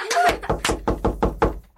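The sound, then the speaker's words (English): A quick, steady series of about six or seven sharp, loud knocks on a door in an even rhythm, made by a visitor delivering a message. “I'll get the door.”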